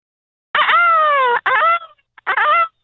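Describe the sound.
A person's voice imitates a peacock's call over a phone line: one loud, drawn-out wailing cry, a shorter one right after, then a third short cry after a brief pause.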